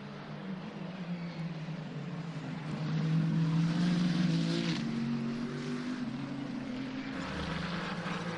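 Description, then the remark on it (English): The engine of the yellow number 83 Ferrari race car roars steadily on track, its tone climbing as it grows louder in the middle, then holding a strong high-revving drone as the car runs on. No one speaks. “Robert Kubitz is in rather elegant isolation in the number 83 car”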